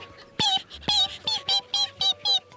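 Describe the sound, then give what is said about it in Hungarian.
Newly hatched ducklings peep in a quick, steady series of about seven short, high chirps, fairly loud, with no talking around them. “Csipogták.”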